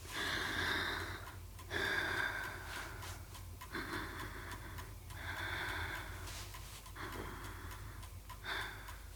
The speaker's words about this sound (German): Ja, ich halte es mal an deinen Arm. Ist das kalt? Ja. Aber es tut nicht weh, oder? Nein. Jetzt bitte nichts mehr sagen. Nur atmen.